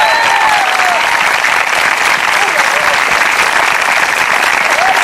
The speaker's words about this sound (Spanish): Yo quisiera que usted le diera un aplauso al Señor si es creyente de verdad.